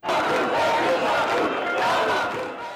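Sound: protest crowd chanting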